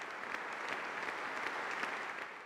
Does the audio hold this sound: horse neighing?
no